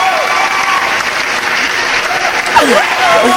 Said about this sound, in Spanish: Nuestro amigo Jorge Flores Lara. Fuerte el aplauso para nuestro subsecretario de Turismo de Gobierno del Estado de Veracruz.